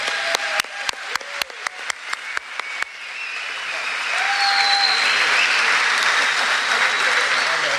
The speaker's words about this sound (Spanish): Señoras y señores, recibimos con un fuerte aplauso